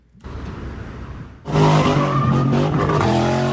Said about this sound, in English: Daring, dangerous stunts. Drivers doing donuts so fast, a woman is literally thrown from the car.